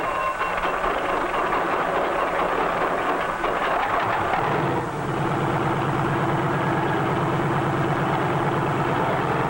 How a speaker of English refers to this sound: A self-starter starts the engine, and after a careful warm-up, we're ready to take to the air.